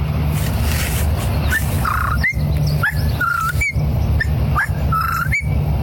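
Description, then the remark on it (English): A person whistles a whippoorwill imitation, repeating short rising, three-part phrases in a steady rhythm, fairly loud over a constant low background hum. “Whippoorwill.”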